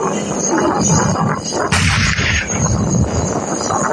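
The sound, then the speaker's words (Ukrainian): A single loud tank cannon shot booms out partway through, its sharp blast cutting across a steady rumbling roar of engine-like noise that continues throughout. No one speaks. “На полі бою їхні потужні постріли – то величезна підтримка.”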